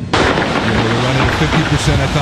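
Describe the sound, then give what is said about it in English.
A sudden, loud burst of gunfire near the White House, at 17th Street and Pennsylvania Avenue Northwest, erupts and continues as a dense, chaotic volley of sharp cracks for about two seconds, harsh, with muffled voices mixed underneath. “This morning, an urgent investigation is underway after gunshots rang out near the White House.”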